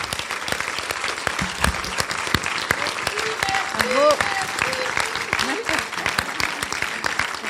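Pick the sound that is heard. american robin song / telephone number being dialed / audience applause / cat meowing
audience applause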